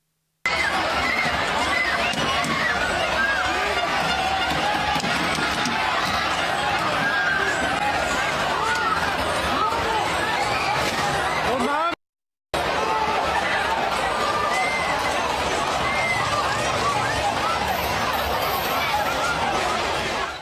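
A large crowd of Mexico soccer fans celebrating in the street in Cabo San Lucas, Baja California Sur, a loud, dense roar of overlapping shouts, cheers and chatter that holds steady throughout, broken once by a brief cut in the sound.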